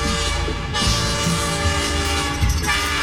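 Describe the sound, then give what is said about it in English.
A loud train horn sound effect blasts steadily with sustained harmonic tones, layered over rumbling rail noise and rhythmic clatter, with no voices heard. It is from an ad for the train tour around the farm at Pumpkin Fest, Gailey Farms. “Hop aboard the train for a fun-filled tour around the farm.”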